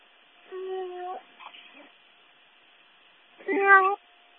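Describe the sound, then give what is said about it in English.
A little cat, scared by a big dog, meows twice outdoors in the dark: a long, steady meow followed after a pause by a louder, wavering one, with a few faint scuffling sounds in between. “Big dog scared of a little cat.”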